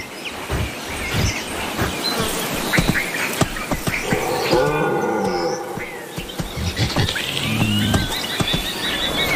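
European red deer in a Mediterranean forest, calm, wandering and grazing, give a few drawn-out, moaning bellows, the longest in the middle, rising and falling in pitch over a steady bed of outdoor rustling and faint chirps.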